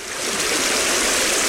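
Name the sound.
river water flowing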